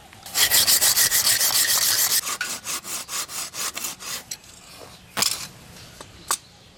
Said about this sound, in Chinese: 好难哦，我跟你换这个。 有差吗？ 有。 这根还有 啊，不行， 很难锯耶。